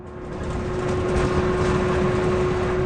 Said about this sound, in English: And that's why I want to take us on a test drive of an even better way to transport kids to school, one that doesn't create emissions. We're going for a ride on an electric school bus. Here we go.